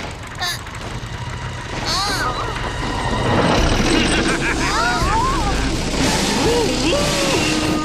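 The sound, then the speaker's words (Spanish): A heavy, steady mechanical rumble of excavators churns underneath, swelling louder midway, while several excited voices call out in Spanish over the noise as the big bad wolf story reaches the third house. “¡No hay excavadoras en este cuento!”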